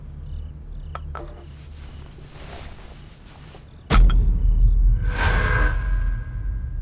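A few sharp glass clinks ring out as glasses are raised in a toast to victory, a couple close together early on and a louder one a few seconds later, followed by a rumbling, noisy bustle.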